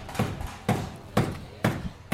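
A hammer strikes freshly assembled wooden planks in a steady rhythm, five evenly spaced, solid knocks about half a second apart, clear, with no one talking, as merchants rebuild their market site after a fire.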